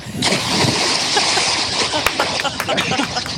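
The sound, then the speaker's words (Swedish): A loud splash as someone jumps into the Ljusnan river in Sweden, followed by churning and sloshing water, with voices faintly audible in the background. “Där kan vi snacka plums!”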